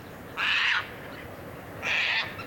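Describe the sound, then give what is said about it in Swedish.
Two short, harsh, rasping calls of a Caspian tern in Österbotten, at about a quarter past four, about a second and a half apart, each a loud scratchy screech standing alone over a faint background hiss. “Två korta skrapiga skrän bara och sen var den borta.”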